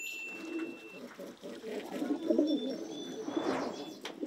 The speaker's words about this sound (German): Die Tauben sind immer ganz eng beieinander.